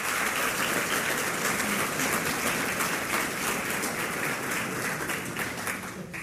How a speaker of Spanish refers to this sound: Alguien diga amén y dele un aplauso al Señor.